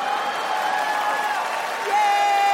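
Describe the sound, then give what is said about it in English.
A crowd applauds and cheers in a steady wash of clapping, with a few high whoops or whistles rising above it, continuing for a couple of seconds. “Oh, my God, clap for Miss Saigon.”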